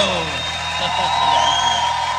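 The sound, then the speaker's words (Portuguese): A crowd cheers and whoops over steady clapping, with shrill whistles rising above the dense roar. The noise stays loud and unbroken for about two seconds. “salve de palmas, meus amigos.”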